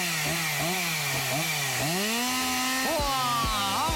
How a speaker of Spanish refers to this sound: mientras nos quedamos con la motosierra de fondo